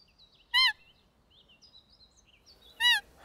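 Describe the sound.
Two short, loud, squeaky whistle blasts, a couple of seconds apart, imitate the high bleat of a female roe deer to lure roebucks during the roe deer rut, with faint birds chirping softly in the background between them.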